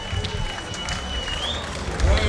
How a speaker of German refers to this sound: Man hört wow, wow, wow. Ja, und der ist auch verdient, der Applaus.